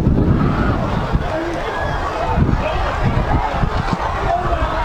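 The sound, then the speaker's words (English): A steady, loud wash of heavy rain and strong gusting wind at Roger Williams Field during the Apopka vs. Lake Brantley football game, with a deep rumbling roar underneath and a dense hiss on top. Faint crowd-like murmur runs through it without a break. “Strong wind and rain here at Roger Williams Field.”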